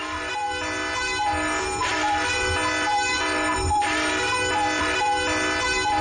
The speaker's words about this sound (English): And this is where you hear this alarm.